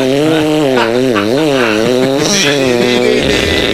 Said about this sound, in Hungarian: tehát, hogy mutatom a fűrészhangot, figyeld, de közötte gondolkozzál, nem ez volt?